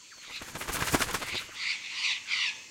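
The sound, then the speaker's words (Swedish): A rapid burst of fluttering wingbeats as a flock of blue parrots with multicoloured wings lands on a tree branch among palms in hot weather, then a few shrill, raspy squawks from the perched birds. “Då flaxar det till i ett träd.”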